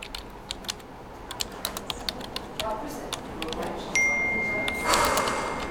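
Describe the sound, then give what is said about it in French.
Quick, irregular clicks of typing on a computer keyboard fill the first few seconds as someone returns to writing, before a brief steady electronic tone sounds near the end. “Vous reposez le téléphone et vous revenez à votre écriture.”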